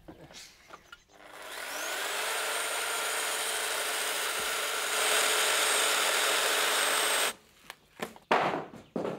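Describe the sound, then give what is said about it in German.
A power saw whines up to speed and cuts steadily through a wooden panel for several seconds to make a window opening, loud, then cuts off, followed by a few brief clunks and knocks. “Ein bisschen muss man sich dann schon konzentrieren und die Säge wegen festhalten.”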